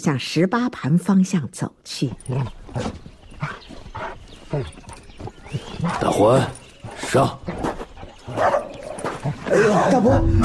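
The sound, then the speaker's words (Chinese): A dog named Dahuan barks in short, repeated bursts mixed with high, drawn-out whimpers and whines, fairly loud throughout, with a few scuffling noises between the calls. “待太阳出来，他背上猎枪，带上他的狗大欢。”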